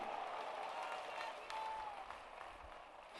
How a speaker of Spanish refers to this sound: ¿Cuánto le dan un aplauso a ese Dios grande?